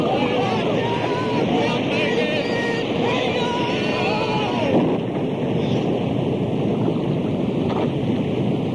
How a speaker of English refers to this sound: Disciples were helpless against the storm that raged across the Sea of Galilee. The storm lashed at the boat, the waves crashed against the sides, and the foaming waters almost buried the men and boat.